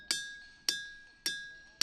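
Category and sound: nature, ringing rocks being struck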